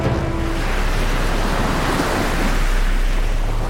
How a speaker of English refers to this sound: Every day, 1.5 trillion tons of water pours down upon the earth as rain or snow. In the process, this moisture cleans and humidifies the air, nourishes the earth's plants, replenishes our groundwater supply, and maintains lakes and streams.